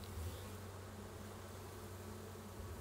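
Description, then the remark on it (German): A dense, steady drone of many worker honeybees buzzing together inside a hive as they clean their sugar-powdered sisters, a continuous low hum with no pauses, fairly quiet and even throughout, with no voices. “Innerhalb kürzester Zeit putzen die Arbeiterbienen ihre bepuderten Schwestern wieder sauber.”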